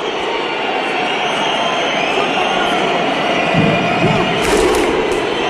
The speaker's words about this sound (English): But the way they can do it in, you know, they sync it just perfectly. Every single person from Iceland, they're on time with the clap, and they turn the stadium into a whole Viking party. This is the thunderclap from Iceland.